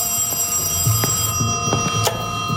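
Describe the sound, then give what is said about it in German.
A telephone rings in the evening with a steady, shrill bell tone that holds throughout, clear, with a few faint knocks underneath and no one speaking. “Gegen Abend klingelte erwartungsgemäß das Telefon.”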